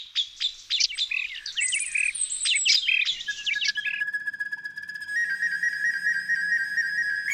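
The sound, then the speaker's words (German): A recorder (block flute) imitates birdsong with quick, fluttering high trills and chirps, then settles into long, steady whistling notes, clear with no voices. “Also sie trägt gar nicht mehr diesen Block im Namen, sondern sie ist sozusagen die Aufnehmerin, weil sie gerne auch Klänge zum Beispiel von Vögeln aufnimmt und wiedergibt.”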